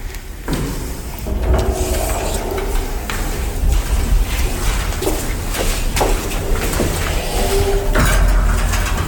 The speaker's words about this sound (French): Non, c'est juste la porte qui n'arrête pas de claquer. D'accord, la porte n'arrête pas de claquer, parce qu'il fait très chaud aujourd'hui,